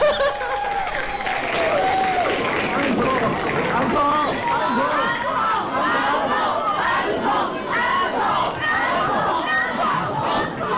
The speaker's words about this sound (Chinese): 食堂之夜毕业歌会完场的尾声，在观众高喊返场的欢呼声中